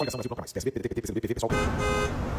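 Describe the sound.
A voice talks briefly, then busy city traffic rushes in loudly, with car horns honking over a dense, steady roar for about a second.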